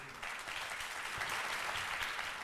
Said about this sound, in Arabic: والآن إلى السفراء والسفيرات، السفيرات والسفراء، تعالوا نتعرف عليهم بتصفيق عارم من الجمهور.